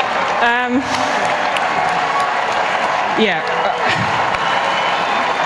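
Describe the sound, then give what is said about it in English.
A large stadium crowd of England supporters at a tournament match cheers and applauds steadily, a dense wall of clapping and roaring with individual whoops and yells rising out of it, while a voice speaks briefly over the noise. “And the crowd, you just heard them there.”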